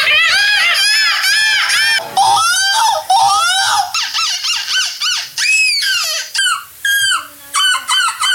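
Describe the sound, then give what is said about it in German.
Human voices imitate seagull cries at a seagull imitation championship in Belgium: loud, shrill, repeated squawks with rising and falling pitch, coming in rapid bursts that overlap at first and then break into shorter, choppier calls. “Aktuell findet in Belgien die Möwen-Imitationsmeisterschaft statt. Das klingt dann ungefähr so.”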